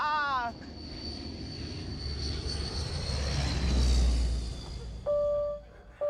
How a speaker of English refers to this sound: T6 was built between 1946 and 58. It's the only aircraft which is still operational in the world.